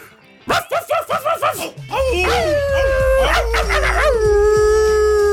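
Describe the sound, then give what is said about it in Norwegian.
A dog howls in long, wavering rising and falling tones, preceded by a quick series of short yips, loud with a low rumble underneath. “Det den internasjonale hundedagen I dag!”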